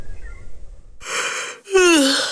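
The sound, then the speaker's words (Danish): A single yawn: a long, breathy intake of air followed by a loud, voiced exhale that slides downward in pitch, heard alone after a brief quiet moment. “Sidder du også og gaber, fordi du sov dårligt i nat?”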